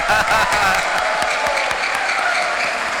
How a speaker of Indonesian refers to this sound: Tepuk tangan buat mereka semua.